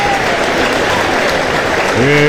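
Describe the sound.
Loud, sustained applause from a crowd welcoming a performer who has just been introduced on a show, a dense steady wash of clapping throughout, with a faint voice rising underneath toward the end.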